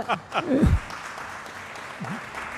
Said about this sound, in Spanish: No, bueno, he sido el único que ha arrancado un aplauso, ¿eh?